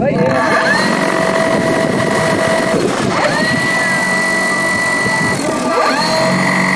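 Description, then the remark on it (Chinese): A research drone carrying composite sensors undergoes final pre-takeoff tests on grassland 50 km southwest of Golmud; its electric motors whine and spin up with rising pitch several times, settling into steady high-pitched hums over a constant, loud background of rushing noise. “搭载复合传感器的科考无人机，在格尔木市西南50公里的草场进行升空前最后的测试。”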